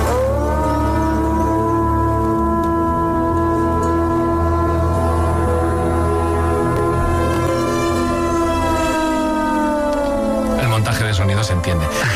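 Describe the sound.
A man's voice imitates a wolf howl: one long, steady, tonal wail held for about ten seconds, rich in overtones and sliding slightly down in pitch before breaking off.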